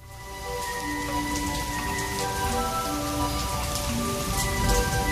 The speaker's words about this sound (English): Do you believe this rain? You know, the last time I was in Louisiana, the weather was just like this.